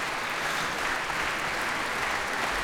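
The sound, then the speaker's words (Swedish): Sustained applause from a large concert audience for the orchestras Västerås Sinfonietta and Musica Vitae and the Radio Choir (Radiokören), a dense steady wash of clapping that stays even in loudness throughout, with no voices standing out. “Applåder alltså för Västerås Sinfonietta, Musica Vitae och Radiokören.”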